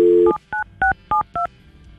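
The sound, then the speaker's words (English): A touch-tone phone number being dialed to call a woman: a brief dial tone cuts off into five quick, evenly spaced beeping key presses, each a short two-note tone, clear with no voices. “We have her phone number.”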